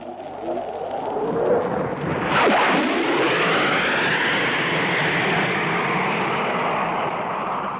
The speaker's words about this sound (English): Here he comes. Here comes Neville Duke streaming in the Hawker Hunter after giving us that admirable double bang. Neville Duke in the Hawker Hunter.